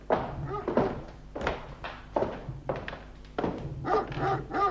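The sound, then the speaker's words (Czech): A dog barks repeatedly and loudly, about six harsh barks in an uneven rhythm with only short pauses between them. “Doufám, že mě ten váš ďábelský pes nechá projít.”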